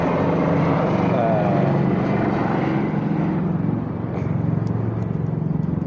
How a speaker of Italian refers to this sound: Adesso sta passando un elicottero.